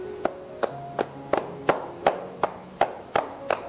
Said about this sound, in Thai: วิธีการต่อไปนะครับเรียกว่าวิธีการพายฝ่านะครับคือวิธีการเคาะนะฮะ เคาะ ครับผม